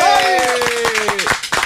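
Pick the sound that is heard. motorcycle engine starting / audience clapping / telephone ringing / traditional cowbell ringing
audience clapping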